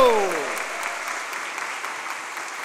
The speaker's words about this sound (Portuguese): Para ambas, uma calorosa salva de palmas fazendo barulho!